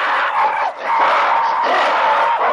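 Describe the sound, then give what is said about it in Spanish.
Two rival families of monkeys scream shrilly and aggressively at each other across a water hole, jumping and baring their teeth, in a dense, overlapping chorus, loud, with only a brief dip before the racket swells again. “Los invasores no se arredran y responden con iguales gestos y gritos agresivos.”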